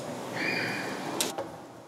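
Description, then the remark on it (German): A door swings open with a drawn-out, high squeaky creak, followed by two quick sharp clicks from the latch, moderately loud, with no talking; the door is being opened to let a dog go outside. “Ah, hat schon entdeckt, dass Tür ist auf.”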